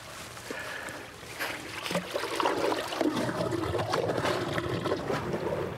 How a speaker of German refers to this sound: Ab Oktober beginnt die Zeit des Abfischens. Zunächst wird das Wasser kontrolliert abgelassen. So, jetzt wird das eine Rohr gezogen, das große Rohr raus und das kleine Rohr kommt rein.